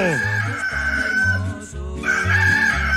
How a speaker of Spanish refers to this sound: Uno ya cantó el gallo.